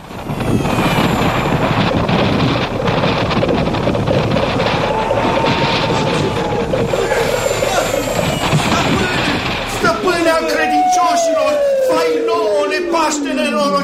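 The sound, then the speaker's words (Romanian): A loud, steady rush of wind roars for several seconds, then thins into a whistling tone that glides steadily downward as it fades away, as Aladdin's palace flies away through the air. “Palatul lui Aladin zboară prin vântul ca pasărea cerului.”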